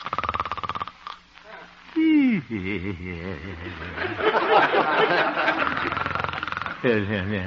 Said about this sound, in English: Looking into the little house on 8th Avenue, we find the town's most popular radio figure, Honest Harold the Homemaker, gently snoring and evidently having a very pleasant dream.